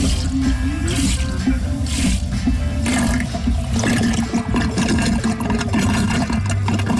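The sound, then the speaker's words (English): A pump drains water from a five-gallon bucket, drawing it down in about 30 seconds, about 10 gallons a minute: a loud, steady rush of gurgling, sloshing water over a low mechanical hum, continuing unbroken without any talking. “And you can see it takes about, this is a 5-gallon bucket, and it takes about 30 seconds for the thing to draw down the 5 gallons.”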